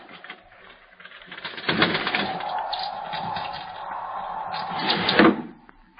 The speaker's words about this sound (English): It was a bird. What kind, I could not tell. The wind must have driven it to shelter on the sill.